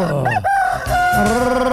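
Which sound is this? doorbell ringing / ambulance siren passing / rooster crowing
rooster crowing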